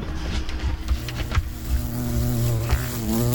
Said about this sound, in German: Eine Biene. Richtig. Es ist eine Holzbiene.